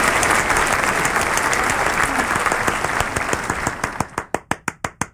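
A crowd breaks into loud, dense applause welcoming a returning guest artist, holding steady for several seconds, then thinning out to a handful of sharp, separate claps before fading.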